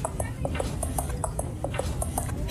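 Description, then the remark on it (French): Horse hooves clip-clopping in a quick, steady rhythm, hollow knocks repeating throughout at moderate loudness over a low, continuous background rumble. “Peut-être aider à pied pour éviter la maltraitance de son cheval.”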